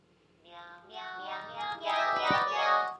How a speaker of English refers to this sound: Meow. That was beautiful. Trickster Coyote's going to eat that cat.